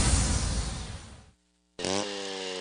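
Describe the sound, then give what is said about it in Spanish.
A chainsaw roars loudly, winds down and cuts out, then after a short silence snaps back to life and revs again with a rising, buzzing engine whine, in a radio advertisement for chainsaws from Hyundai Maquinaria y Herramientas in Cintalapa. “Contamos con motosierras, desbrozadoras, soldadoras, bombas sumergibles, rotomartillos, revolvedoras de concreto,”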